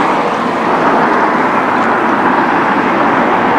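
A city bus, number 26, pulls up at a stop, its engine a loud, steady rumble that holds evenly throughout without pause. No voices are heard.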